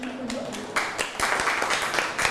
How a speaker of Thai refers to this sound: ปรบมือให้กับเพื่อนๆกลุ่ม2อีกครั้งครับ